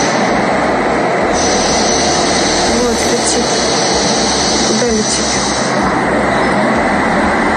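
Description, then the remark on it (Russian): A loud, steady mechanical roar of a drone flying overhead fills the whole clip, with a droning engine whine holding constant pitch and faint voices underneath. “Опа! Летит, летит, летит, летит.”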